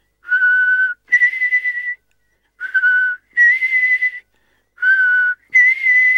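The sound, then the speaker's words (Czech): An old blackbird's bright two-note whistle, a lower steady tone sliding up to a higher one, repeated three times with short pauses between, with no talking. The bird perches on a window ledge and whistles after tapping its orange beak against the glass. “Kosák jakoby věděl, že není čas na žádné okolkování, energicky zabušil oranžovým zobákem do skla a zahvízdal.”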